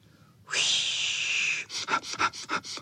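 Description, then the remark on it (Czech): Loud sniffing of several dogs all nosing at a burdock plant at once: one long drawn-in snuffle, then a quick rhythmic run of about seven short, sharp sniffs. No talking. “Zafičelo to, jak všichni psi čichali k lopuše, která se třásla jako osíka, ale teď se nesmála, protože bylo zlé.”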